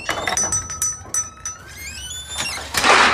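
A kitchen drawer slides, its contents clinking and rattling with bright metallic rings, ending in a louder scraping rush as it moves along its runners.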